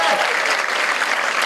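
A crowd applauds steadily, a dense wash of many hands clapping at an even, fairly loud level with no pauses and no clear individual claps standing out.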